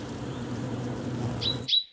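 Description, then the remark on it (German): A steady low hum fills the first part, then a great tit, searching for a nesting site and inspecting a tree cavity, gives a few short, thin, high-pitched calls in quick succession toward the end. “Die Kohlmeise ist auf der Suche nach einem Brutplatz und inspiziert die Höhle.”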